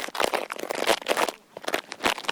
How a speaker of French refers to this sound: Les feuilles qui craquent. On a fait des bruits de feuilles mortes, on les a écrasées et froissées.